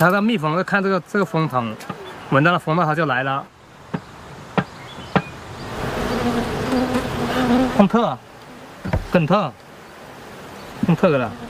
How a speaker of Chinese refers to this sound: 4个月前放置在这里的一个蜂箱，蜜蜂已经在里面安了家。